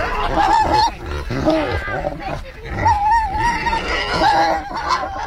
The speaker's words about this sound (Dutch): Ja, de varkentjes hebben natuurlijk door dat de eenden en de ganzen worden gevoerd. Die willen ook wat. En zo gaat dat hier dag in dag uit in het stadspark op de kinderboerderij.